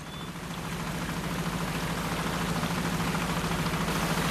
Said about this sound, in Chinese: 伴随着渔船此起彼伏的马达声，他们竞相收获着大自然的馈赠。